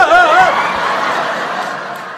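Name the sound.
audience applause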